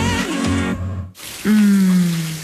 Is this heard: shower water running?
yes